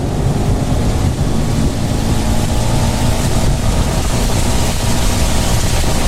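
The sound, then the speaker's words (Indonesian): A car engine drones steadily at speed under a constant loud wash of hiss, like rain and wet road spray, with a low rumble throughout and no voices. “hujan nih, aku ngebut ya.”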